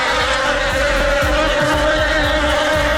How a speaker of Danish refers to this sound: Åh nej, vipse eller bier, jeg kan ikke helt huske, hvad der er hvad, men det er nok den værste frygt i mit liv overhovedet.